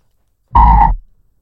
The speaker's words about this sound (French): Oui. C'est une grenouille. Non. C'est un crapaud. Non. C'est une grenouille.